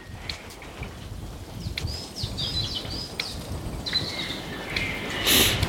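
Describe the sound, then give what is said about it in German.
Gently bubbling water, sounding like a swamp, heard while crossing a streambed in a forest with many fallen trees: a steady soft gurgle and patter of small bursts, with thin bird chirps and whistles rising above it now and then. “Hört sich eher an wie ein sachte blubbernder Sumpf, falls Sie das hören.”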